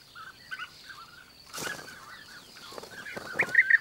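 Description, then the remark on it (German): Bee-eaters, recently returned from Africa, call during courtship in a series of short, mid-pitched trilling chirps that overlap and grow louder toward the end, with a brief rustling burst partway through and no voices. “Die hübschen Vögel sind erst vor kurzem aus Afrika zurückgekehrt und beginnen gerade mit der Balz.”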